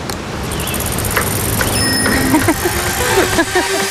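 Bicycles ride past at the 44th Tri srca Radenci recreational cycling marathon in Radenci amid a steady, busy wash of noise, with murmuring voices and scattered short, high tonal chirps and rings rising over the din toward the end.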